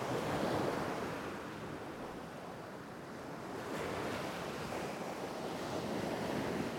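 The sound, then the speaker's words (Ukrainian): Sea waves wash and rustle steadily against the shore, a broad continuous hiss of surf that swells and eases, with some wind noise mixed in and no voices. “А море дивилося на Олеся і шурхотіло усіма своїми хвилями.”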